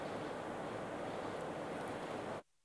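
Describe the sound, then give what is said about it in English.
A loud, steady roar of the swollen Trishuli River rushing at Devi Ghat in Nepal, a dense continuous wash of turbulent flow that cuts off abruptly near the end. “What you see behind me is an angry, swollen Trishuli River here in Devi Ghat in Nepal.”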